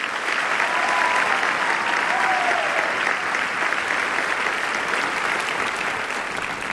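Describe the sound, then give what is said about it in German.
Steady, dense applause from an audience, many hands clapping continuously at an even loudness for several seconds with no voices standing out. “Ein Applaus für die Fensterbank!”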